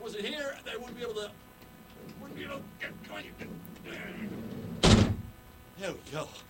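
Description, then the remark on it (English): A big heavy door swings shut with a single loud thud that rings briefly, while a man talks before and just after the slam. “So I've got to go get myself incarcerated here. Hey, there we go. Big ass door.”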